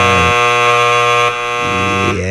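A loud, harsh game show buzzer blares steadily for about two seconds as two players buzz in at once, a rich harmonic drone that shifts tone partway through as a second buzz overlaps, with no talking.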